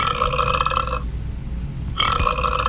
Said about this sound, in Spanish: Los 9 monstruos ruidosos y viscosos, moteados y babosos, seguían bastante apretujaditos cuando a uno de ellos le dio por eructar.